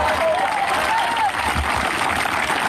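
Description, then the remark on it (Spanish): An audience applauds the Lord steadily, a dense wash of clapping from many hands filling the space, with a faint voice rising briefly above the noise. “Dele fuerte ese aplauso siempre al Señor.”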